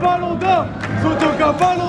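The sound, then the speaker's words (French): A large crowd of supporters at the town hall roars and cheers with scattered clapping as each player of the cup-winning team is applauded, a dense, continuous wash of many voices shouting at once, with louder swells rising every half second or so. “Chacun des joueurs a droit à son tonnerre d'applaudissements.”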